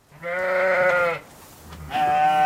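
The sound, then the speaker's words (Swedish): Sheep and lambs, let out into the pastures in Sweden, bleat: a long, loud wavering bleat followed after a short pause by another starting up, with no talking. “I helgen släpps många får och lamm ut i hagarna”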